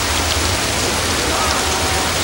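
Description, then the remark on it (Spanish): Heavy rain pours down steadily outside a sports club, a dense, continuous hiss of drops with no pauses, fairly loud throughout. “¿Qué manera de llover?”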